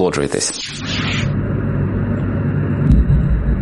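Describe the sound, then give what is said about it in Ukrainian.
A harsh, noisy burst at the start gives way to a steady, low engine-like rumble, like an aircraft droning, holding constant to the end, from footage of a Ukrainian strike on Moscow in which a reservoir lid went flying. “А щоб вам було цікавіше, паралельно буду показувати український удар по Москві.”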